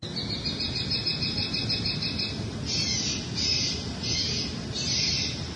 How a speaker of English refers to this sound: The noise machine was viewed as a way to reduce some of the activity that was going on in that location without heavier-handed approaches like law enforcement or fencing, etc. A local resident shared a recording of the bird call.